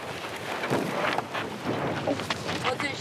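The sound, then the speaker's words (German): Steady force-4 wind rushes across an open windsurfing spot at the Salzhaff on the Baltic Sea coast, buffeting the microphone with a loud, continuous roar that swells in uneven gusts throughout. “Windstärke 4. Zum Windsurfen fast zu schwach.”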